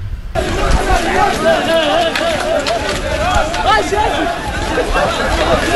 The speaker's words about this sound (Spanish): Fíjate cómo se les oye correr.